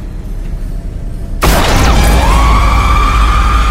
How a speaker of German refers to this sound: Mein Schuss hatte den Schädel der alten Hexe zertrümmert, die sich vor meinen Augen mit einem gellenden Schrei in dunkle Nebelschwaden auflöste.